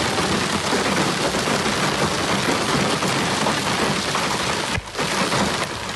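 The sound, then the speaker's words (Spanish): Heavy hail of large stones pours down in a thunderstorm in the Alcaraz and Segura mountains, Albacete province, Spain, a dense, loud, continuous roar of pelting impacts, broken only by a brief lull near the end. No voices. “Unas tormentas acompañadas de granizo de gran tamaño en municipios como Nerpi, en donde ese granizo tiñó de blanco gran parte del paisaje.”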